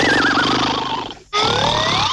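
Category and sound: human body sound, loud human snoring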